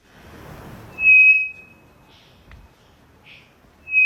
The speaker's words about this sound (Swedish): Det vi hör här, det är en treflikig klockfågel som jag tror sitter i Amazonas.